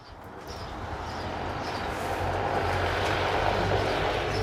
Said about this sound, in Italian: Guardate la qualità del suono, il silenzio di questo veicolo che, ripeto, può portare 200 kg o 2 passeggeri sospesi nell'aria. Suoni presi da un reportage che abbiamo mandato in onda ieri, registrato all'aeroporto di Ambrì